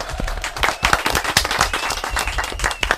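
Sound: applause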